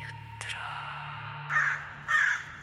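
A raven above a palisade, moving its wings, caws twice, two harsh, rasping calls about half a second apart, loud over a low background hum.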